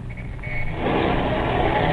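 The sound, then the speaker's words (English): A bus engine rumbles and swells louder over two seconds, a deep low-frequency roar building steadily as it starts, revs up and pulls away, with no talking. “Start this bus and then step on the gas.”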